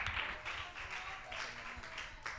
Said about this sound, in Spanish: Denle un fuerte aplauso al Señor, por favor.